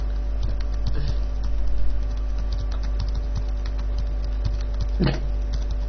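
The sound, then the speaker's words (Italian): Someone types a password on a keyboard in quick, irregular bursts of small clicks over a steady low hum, with one louder tap near the end. “digita la password. E la sto sbagliando di nuovo.”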